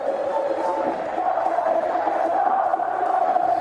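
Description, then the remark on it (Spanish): A large stadium crowd of football fans roars and shouts together in a steady, loud, continuous wall of voices, a general jeer of reproach without a break, at a match on a wet pitch in light drizzle. “Bueno, se levanta la hinchada. Ahora sí. Con gritos, ¿no?”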